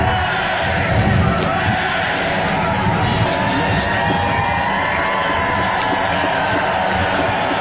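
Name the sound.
crowd cheering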